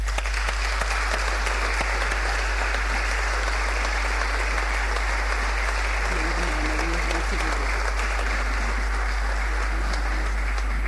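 Steady, dense applause from an audience at a ceremony in Portugal, as a representative of a local textile company is called to the stage to receive a medal of merit; a continuous wash of many hands clapping at an even loudness, with a faint voice briefly audible partway through.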